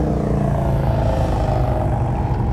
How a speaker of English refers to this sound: If you just look up and down the main drag of Lake George, motorcycle after motorcycle. Some are for sale, some are for riding. All I know is it's loud.